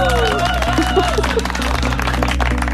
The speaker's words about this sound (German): Da verdienst du schon jetzt, schon vor deinem Auftritt, einen fetten Applaus. Juhu!